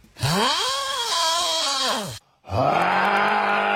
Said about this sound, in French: Alors, on a écouté ça, hein? Imaginez ronfler ça, hein?